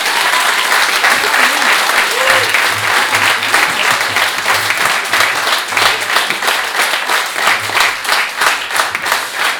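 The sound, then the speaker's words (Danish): An audience at Roskilde Jazz Days applauds the drummer steadily for about ten seconds, a dense, loud wash of many hands clapping, with a few brief cheers and voices rising through it. “Og vi har lige klappet af ham, men jo fordi han skrev det her meget smukke nummer, og vi synes også bare sådan, at vi i det hele taget skal klappe af ham”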